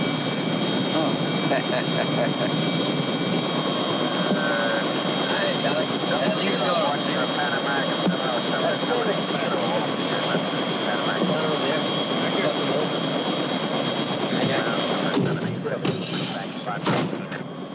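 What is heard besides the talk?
helicopter flying overhead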